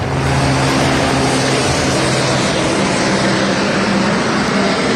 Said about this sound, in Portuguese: também um meio aéreo a tentar combater aqui este incêndio